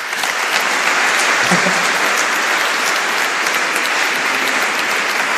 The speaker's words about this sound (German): Bitte Applaus für die zwei Herren dort.